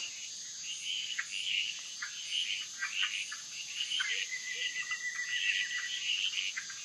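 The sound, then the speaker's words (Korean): A dense night chorus of frogs calling in a jungle, with repeated bright chirps and trills layered over a steady high insect drone, continuous and moderately loud with no voices. “하지만 어둠이 내리면 개구리들의 시간입니다.”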